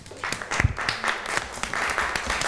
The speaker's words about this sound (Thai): เอาละครับปรบมือให้กับเพื่อนหน่อยครับ